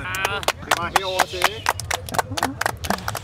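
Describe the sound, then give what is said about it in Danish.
A brief burst of applause for a quiz contestant's correct answer, sharp irregular claps at a quick pace from one or two people, with voices and a bit of laughter over them. “Og der synes jeg godt, du kan høste et bifald, ja, trods alt.”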